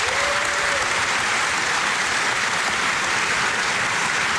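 A studio audience of the Croatian Television show Otvorena applauds steadily, a dense, even wash of many hands clapping at constant loudness throughout, with a brief faint tone at the start and no talking.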